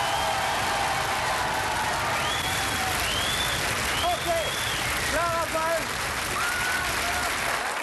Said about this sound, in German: Und jetzt, meine Damen und Herren, bitte Ihr Applaus für das grüne Team.